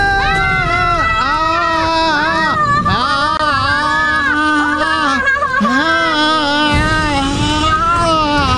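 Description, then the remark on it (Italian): A loud, drawn-out scream of terror from a single voice, wavering and swooping in pitch as it wails almost nonstop for several seconds, with only brief catches for breath. “È il mio urlo di terrore.”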